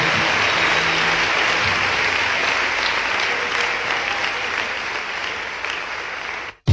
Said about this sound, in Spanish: fuerte aplauso al nombre del Señor. Aleluya.